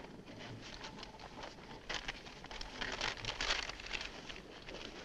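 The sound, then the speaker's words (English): Stiff paper crinkles and rustles steadily as a large map is unfolded and spread out on the hood of a car, the crackling growing busier and louder partway through, with no voices. “Spread the map out on the hood.”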